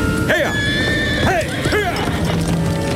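A spurred horse lets out several short, rising-and-falling whinnies, while a steady patter of hoofbeats on crunching snow continues underneath as it is ridden off.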